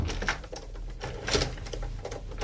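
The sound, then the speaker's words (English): A burglar trapped in a house's studio forces the door, held shut by a guitar cable tied from its doorknob to a banister; it rattles and clanks with irregular bursts of mechanical knocking and jolting over a low rumble, fairly loud, with no voices. “He's trying to break the door open.”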